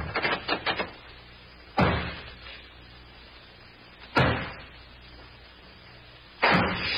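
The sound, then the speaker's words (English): A door is pounded with a quick burst of knocks, then slammed or battered hard three times at spaced intervals, each loud impact booming and fading out. No one speaks. “Boy, whoever put that door up”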